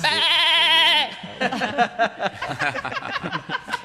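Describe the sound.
A single loud, wavering goat bleat lasting about a second, immediately followed by people talking rapidly.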